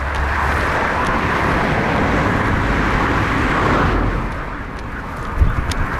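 Steady road noise from a car or two passing a pedestrian walking to a bus stop near Žalec, Slovenia, shortly before 6 a.m., with drivers heading to work. A broad rushing hum with a low engine rumble that shifts slightly partway through, with no voices heard.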